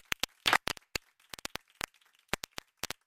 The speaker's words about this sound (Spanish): Un aplauso para Alberto Ginés.